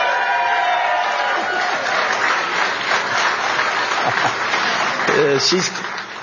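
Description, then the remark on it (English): Steady applause from a large crowd at a speech where the speaker thanks supporters and family, a young grandchild clapping along, with scattered cheers and voices mixed in, staying loud throughout before easing slightly at the end. “She's clapping too.”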